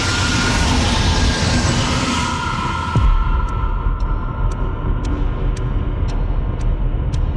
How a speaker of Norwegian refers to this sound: For mot han kommer det et motgående persontog på samme spor i full fart. Togføreren nøler ikke et sekund. Han trykker ned bremsen alt han klarer. Og samtidig så hører han at togføreren på det andre toget bremser.